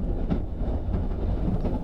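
A train rumbles along the rails as it slows down and gradually comes to a stop in the heart of a forest, a dense low rolling noise with faint rhythmic clatter, with no voices.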